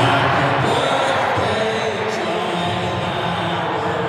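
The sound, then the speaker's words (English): A huge stadium crowd of about 30,000 voices together in a dense, sustained roar, loud and steady throughout, with no single voice standing out, sharing birthday wishes for Rabbitohs forward Jai Arrow on his 31st birthday. “30,000 voices sharing one wish.”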